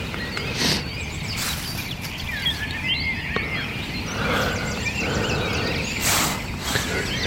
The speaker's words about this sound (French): Réveillé par les grives. Sachant que de partout, c'est encore plus impressionnant que le soir, le concert des oiseaux.